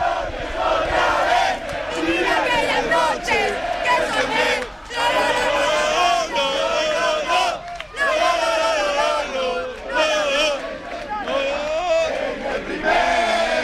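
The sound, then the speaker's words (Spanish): Deportivo de La Coruña football fans chant and cheer loudly in unison by the Deportivo team bus, with footballer Mella among them singing, a dense, sustained wall of many voices with rhythmic sung phrases and brief dips before the roar resumes. “Claro, Mella lleva, hay que recordar que lleva alentando a la gente, cantando. Y escuchamos.”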